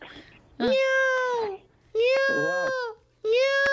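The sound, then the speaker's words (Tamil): A person mimics a cat, giving three loud, drawn-out meows in a row with short pauses between them, with nothing else competing. “இது பூனை. ஓகே, யா பூனைக்கு. Super super.”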